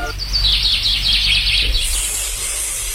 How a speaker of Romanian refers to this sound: Ascultă, dragă, ce frumos cântă păsărica aceea. De ce te miri? Cu autobuzul n-a circulat, dinții n-o dor, la rând la bere nu stă. De ce n-ar cânta?